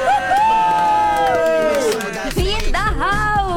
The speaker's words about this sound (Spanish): Así que demos la bienvenida como se merecen, con el grito y toda la onda, porque la cabina está llena de santos bravos.